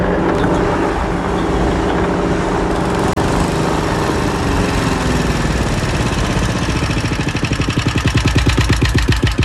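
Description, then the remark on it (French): A small paramotor engine runs loud, a steady buzzing drone whose pitch shifts, settling into a rapid pulsing rhythm toward the end. “Alors il me reste à vous proposer maintenant soit le paramoteur, soit l'avion.”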